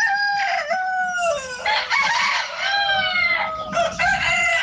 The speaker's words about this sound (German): Ja, denn in Randersacker, da krähen die Hähne um die Wette.